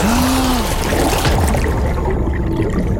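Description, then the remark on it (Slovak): Water sloshes and splashes continuously, a broad churning wash with a few low tonal sweeps, as someone moves through icy water; no voices are heard. “Nebuď v tej vode tak dlho!”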